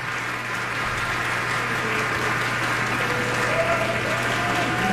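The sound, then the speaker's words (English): Sustained applause from a large concert audience at the third curtain call for the musicians of the Seattle Chamber Music Society Summer Festival, a dense, steady wash of clapping that stays loud and even throughout, with no voices standing out. “A third curtain call for our musicians.”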